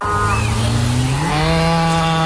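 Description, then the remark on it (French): A dairy cow giving pasture milk in Alsace gives one long, loud moo, a low droning bellow rich in overtones that shifts upward in pitch about halfway through and holds steady to the end. “C'est un bruit qu'on connaît bien chez Alsace-Lait. Une vache, oui, qui donne du bon lait de pâturage d'Alsace”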